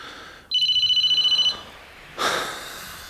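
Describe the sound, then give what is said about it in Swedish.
A phone ringtone trills in a fast, evenly pulsed burst of bright electronic tones for about a second, then stops, followed by a soft breathy rustle or exhale. “Förlåt mig, nu ringer den här terrormaskinen.”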